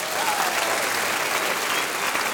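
applause

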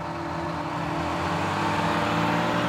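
bus engine running

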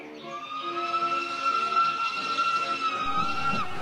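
train running

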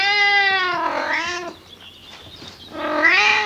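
cat meowing

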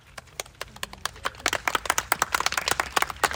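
clapping applause

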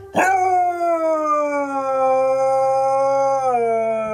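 dog howling

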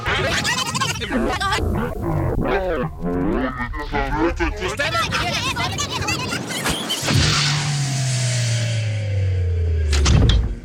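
door opening

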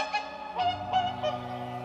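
whooper swans honking

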